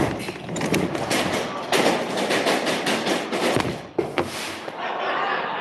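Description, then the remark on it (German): A small explosion at the end of a chain-reaction machine as sparks fly, with a burst of crackling and sharp pops, dense and noisy throughout, with a few louder bangs standing out near the middle and toward the end. “Schließlich sprühen Funken und es kommt zu einer kleinen Explosion.”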